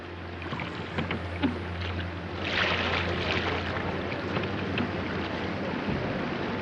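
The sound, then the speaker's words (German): An overcrowded small boat being punted through floodwater in the Elbe valley at Königstein, flooded after a thaw, with continuous sloshing and splashing, some louder surges partway through, over a steady low hum and hiss, with no voices. “Das Elbtal steht unter Wasser. In Königstein muss gestarkt werden.”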